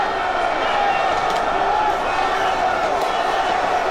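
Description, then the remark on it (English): A large crowd at a Premier League trophy parade in North London roars and cheers continuously, loud and steady, while a couple of faint bangs from fireworks in the sky barely poke through the din. “My cameraman, bless him, is on a tripod, but there are fireworks going off in the skies of North London. You might be able to hear them above the crowd.”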